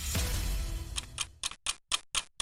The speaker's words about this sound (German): Hörst du das Ticken?